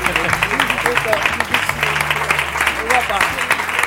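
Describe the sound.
A crowd bursts into sustained applause, dense hand clapping filling the whole stretch at steady loudness, with cheering voices and some tonal murmur mixed underneath.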